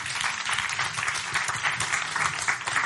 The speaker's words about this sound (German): Aber ja, also jetzt klatschen sie, aber wenn, ja, nee, das ist auch gut, ne?